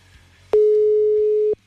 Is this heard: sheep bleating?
no